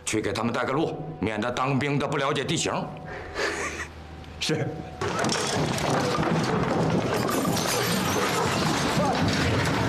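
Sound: shop being smashed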